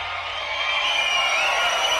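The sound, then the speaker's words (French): A Guitar Hero video game crowd cheers in a loud, steady, dense roar that holds without pause for the whole two seconds, with no talking over it. “T'entends la foule vidéo, il nous adore.”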